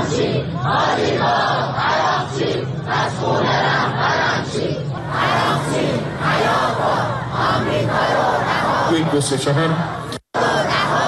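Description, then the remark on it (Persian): A street protest crowd opposing government negotiations chants loudly, many voices shouting together in steady rhythmic bursts that carry on without pause for about ten seconds before a sudden brief cut near the end. “در حالی که پیش از سفر هیئت مذاکره کننده اعتراض به این مذاکرات به خیابان‌ها کشیده شده بود”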